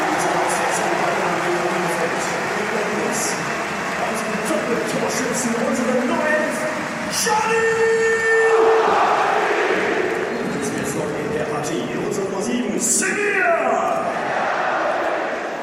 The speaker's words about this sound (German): Und jetzt wird gewechselt. Telalovic kommt rein, aber vor allem geht er hier raus. Joel Grodowski, Held des Abstiegskampfs, doppelter Torschütze. Und das ist sein Applaus.